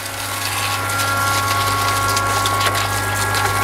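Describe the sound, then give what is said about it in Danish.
A steady, continuous rush of water spraying from a hose or sprinkler as plants are watered at a garden centre in Rønne, with a low mechanical hum of a pump running underneath and faint irregular splashes, fairly loud. “Ja, som man kan høre, så bliver der vandet herude i Liljendal Plantecenter i Rønne.”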